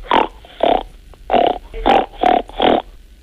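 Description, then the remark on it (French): A child imitates a pig grunting through the nose: six short, loud, rasping snorts in a fairly steady rhythm, with brief pauses between them and no talking. “Pour le cochon? Il fait ronc.”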